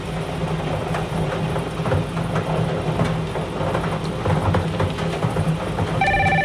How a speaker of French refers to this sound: Alors, le téléphone sonne.